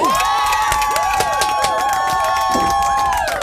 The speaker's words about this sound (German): Herzlichen Glückwunsch! Applaus, Applaus, mein Lieber!